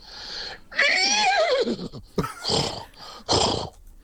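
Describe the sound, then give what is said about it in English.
A person imitates a horse's whinny, a loud, wavering descending neigh followed by a few breathy snorting bursts, with no other talk. “that was a terrible horse impersonation.”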